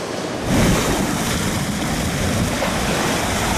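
Steady rush of open-sea waves off Armutlu, Yalova, Turkey, with broad, noisy churning and wind, continuous and fairly loud throughout, swelling slightly after the first half second. No voices.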